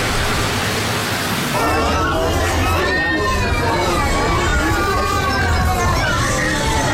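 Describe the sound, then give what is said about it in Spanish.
Ambience of the main nutrition care referral centre in a hospital in Dainail, Mogadishu, Somalia, its three wards fully saturated: a dense, steady murmur of many overlapping voices, with higher children's cries and calls rising over the babble after the first second or so. “Ambiente y mar del principal centro de referencia de atención a la nutrición, aquí en Mogadiscio, en Dainail, en un hospital donde encontramos las tres salas absolutamente saturadas.”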